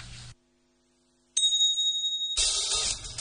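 After a moment of silence, a bright doorbell chime strikes once and rings clearly for about a second before a rush of louder, noisy sound takes over.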